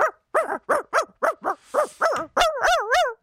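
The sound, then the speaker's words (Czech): A person imitates a real dog rather than a terrier, for an animal-sound comparison, giving a quick run of about ten yappy barks, then ending with a longer wavering whine-like howl. “Já nedělám žerika, já dělám opravdického pejska.”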